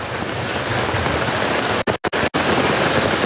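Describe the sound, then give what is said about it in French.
Heavy rain from a thunderstorm pours down on a tent during a race in a dense, steady hiss throughout. No thunder claps stand out, and the sound cuts out briefly a few times partway through. “Vous avez entendu l'orage et vous avez vu sursauter tout d'un coup les personnes qui étaient là.”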